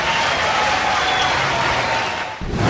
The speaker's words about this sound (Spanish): Muchas gracias. Aplauso bonito. Gracias.